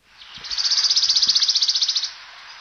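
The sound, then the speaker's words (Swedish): A single fast, shivering trill of a wood warbler: rapid high-pitched notes speed up into a dry, even rattle lasting about a second and a half, clear, with no voices. “Grönsångare var det?”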